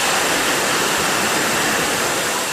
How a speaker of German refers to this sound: Hier rasen gerade Wasserflaschen übers Förderband. In Sekundenschnelle befüllt eine Maschine die leeren Flaschen mit Mineralwasser. Dann kommt noch ein Etikett drauf. Bei dem Getränkehersteller in der Südpfalz ist gerade absoluter Hochbetrieb